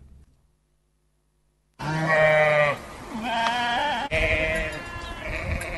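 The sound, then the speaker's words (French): After a short silence, goats bleat loudly in the streets of the town of Parako, where stray animals roam: three long, wavering, nasal calls follow one another almost without pause, with no voices present. “Les cris des chèvres ou encore les meuglements des bœufs ne devraient plus rythmer les rues de Parako comme autrefois.”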